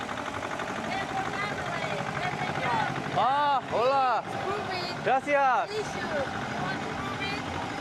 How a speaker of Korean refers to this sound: 오늘은 에르본 고추 축제가 열리는 날. 밭을 일구던 트랙터도 오늘만큼은 흥겨움을 싣고 온 마을을 달립니다.